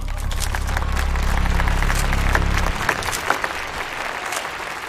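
Sustained, enthusiastic applause from a crowd, a dense wash of clapping that stays loud throughout, with a low steady hum underneath for the first few seconds.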